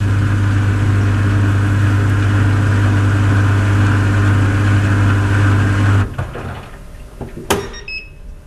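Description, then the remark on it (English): A small European clothes dryer drones with a loud, steady low hum that abruptly cuts out, followed by a click and a short high-pitched electronic beep. “Okay, let's listen to that because now I'm really curious what this dryer sounds like.”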